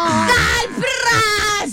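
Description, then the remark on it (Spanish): A loud voice lets out a strained, wailing shout imitating a football goal celebration, with several rising and falling bursts over under two seconds. “¿Cómo va a ser ese primer gol? Ojalá que lo haga Colombia. ¿Ustedes cómo lo gritarían?”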